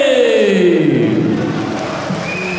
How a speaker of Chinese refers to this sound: 我们掌声送给来自伊朗的雷扎加法利。